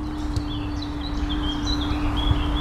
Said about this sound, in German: Die Vögel zwitschern.